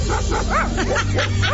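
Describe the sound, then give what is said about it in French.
A dog named Poutine barks several times in quick succession, short sharp yaps repeating at a steady brisk rhythm over a low constant hum. “Bon chien, Poutine.”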